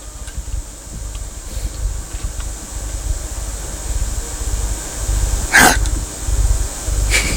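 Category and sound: human body sound, sneeze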